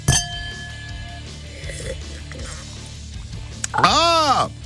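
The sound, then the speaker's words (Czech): A sharp glass clink opens, followed by quiet shuffling, then a louder ringing glassy tone whose pitch swoops up and back down as vodka is poured into a glass. “Hetkinen, otansa hieman vodkaa.”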